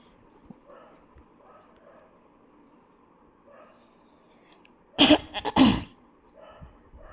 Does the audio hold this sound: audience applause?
no